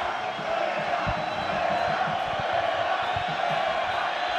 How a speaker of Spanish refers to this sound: … llamando a gente para que griten